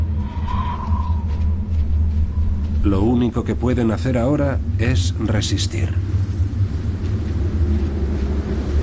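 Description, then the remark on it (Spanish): A steady, loud low rumble of powerful wind roars throughout as a sandstorm sweeps across the desert and reaches a herd of elephants, with a man speaking over it partway through. “Cuando la tormenta les alcanza, la visibilidad se reduce a unos pocos metros.”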